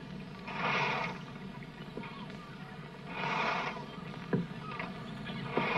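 Water swells and sloshes around a small boat in two slow surges, with a few sharp wooden knocks and thumps as a young man climbs aboard. No voices.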